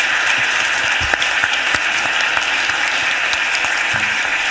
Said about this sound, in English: So if we can just take a moment to allow them to stand up and give them a round of applause.